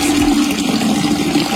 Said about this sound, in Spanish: ¿No ve que está goteando?